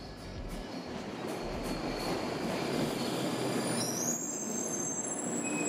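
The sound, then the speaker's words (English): A train at a railway station rumbles steadily, its wheels letting out high, sustained metallic squeals that rise and shift near the end, with a constant broad roar of rolling stock beneath. “There's no more trains going that way. There's no more trains coming this way.”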